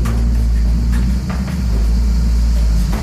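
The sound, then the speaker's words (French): A steady, heavy low rumble of a windmill's millstones rubbing as the wind turns the mill, with a dense droning hum and occasional faint creaks and knocks, continuous and loud throughout. “Donc ça, c'est voilà, le moulin se met un peu à tourner, on l'entend. Voilà. On entend le frottement des meules aussi.”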